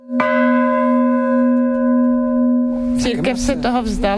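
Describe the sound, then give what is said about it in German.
A church bell, struck once by hand at the top of a church tower in Altrognitz, gives a sharp clang, then rings on in a steady, mellow hum with shimmering overtones. After about three seconds a voice begins talking over the lingering tone. “Wenn sie auf den Kirchturm klettert, über alte, ungesicherte Bretter, die als Stufen dienen, dann schlägt sie oben mit der Hand die Glocke an.”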